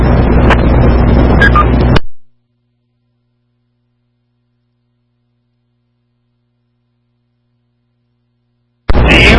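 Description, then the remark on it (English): A big American-made V8 truck engine rumbles while driving in the open air, under heavy, rushing wind noise for about two seconds, then cuts to dead silence before the loud driving roar abruptly returns at the end. “I do like having the open air feeling with a nice big old American-made V8 motor under the hood.”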